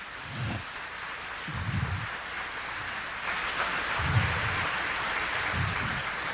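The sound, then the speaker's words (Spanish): A church audience at a Catholic Charismatic Renewal service applauds the Lord steadily, many hands clapping together in a dense, even wash of sound, with soft low thumps recurring at a regular beat underneath. No one speaks. “Denle un aplauso al Señor por esa inspiración.”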